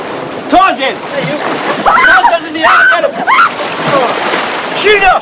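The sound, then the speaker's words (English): Water splashes and sloshes as Ferris flings Sloane into the water and dives in, with several bursts of splashing spread across the moment, fairly loud, while voices shout and laugh over the commotion. “Ferris playfully shoves Cameron, then flings Sloane into the water before diving in.”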